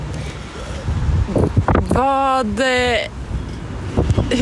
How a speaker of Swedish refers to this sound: oj, vad det blåser här i Sollefteå.